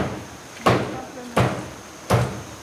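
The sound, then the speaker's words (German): Three loud, sharp chopping blows land about every 0.7 seconds as two men in the village of Tendo hack apart a stag shot that morning with a machete on a heavy wooden table, each strike a broad percussive thud with a quick decay, over steady low background noise. “Als wir nach 25 Kilometern im Dorf Tendo ankommen, sind laute Hackgeräusche zu hören.”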